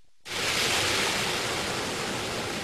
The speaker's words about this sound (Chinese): 8月6号，随着埃里克塔木取水的电子闸门缓缓抬升，塔里木河的最长源流叶尔羌河河水奔涌而下，水流一路绵延超过350公里，在与和田河交汇后，最终汇入塔里木河干流。